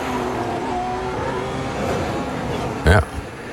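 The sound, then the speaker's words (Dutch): A race car engine drones steadily with shifting pitch as it changes down through the gears to brake while running straight off the track, ending in a short, loud blip of revs near the close. “Moet hem ook nog even snel door de versnellingen gaan om af te remmen.”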